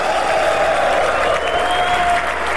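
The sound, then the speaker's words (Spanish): An audience applauds steadily to Shaddai during a sermon, a dense, continuous wash of clapping that stays loud and even throughout, with a faint sustained tone running underneath. “Ese aplauso a Shaddai.”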